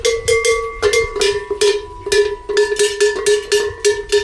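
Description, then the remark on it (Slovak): Large cattle bells of the kind worn by cows clang repeatedly in an irregular, overlapping jangle, each strike ringing with a steady metallic mid-pitched tone and bright overtones, loud and with no voices. “Takže teď čujeme veľké zvonci.”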